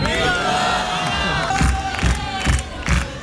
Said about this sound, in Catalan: Emoció i aplaudiments a la presentació de la pel·li del moment al Festival de Sant Sebastià.